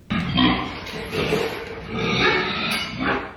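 A loud, continuous chorus of harsh animal squeals and grunts from several show pigs at feeding time on a family place in Midway, overlapping without pause for a few seconds.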